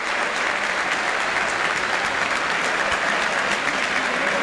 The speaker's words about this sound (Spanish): Y va Beltrán, le va a pegar el arquero. Mirá el aplauso, escuchá el aplauso para Beltrán que va a patear, escuchá.